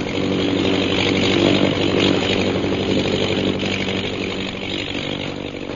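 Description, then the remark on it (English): A British government propeller plane's engine drones past with a steady, buzzing roar that swells slightly early on and then gradually eases off. No voices are heard. “And it's a British government plane, too.”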